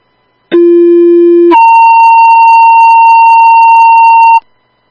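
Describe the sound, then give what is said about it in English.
A dispatch pager alert paging for a driver needed for an ambulance call in Gawanda plays two steady tones in sequence: a lower tone held for about a second, then a higher, louder tone sustained for roughly three seconds before cutting off. “Can you send out another page to see if I can get a driver to come in?”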